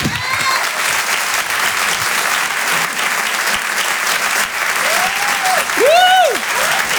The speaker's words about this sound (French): Merci d'applaudir très fort, s'il vous plaît,